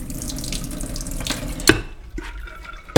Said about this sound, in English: And I'm just going to add water, which will be then used for final cooking. How much water are we adding? For 1.5 cups, I would add 1 liter of water.